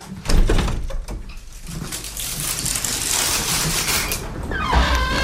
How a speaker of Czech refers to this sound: Tak, velmi opatrně otevíráme dveře voliéry.